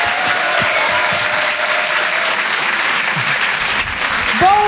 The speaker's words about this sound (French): Je vous demande de l'encourager, on peut l'applaudir très très fort. Voici Didou sur Rire et Chanson.